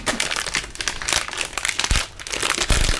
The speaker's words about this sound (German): Knister, knister, knaster, das ist meine Unterhose, die da knistert.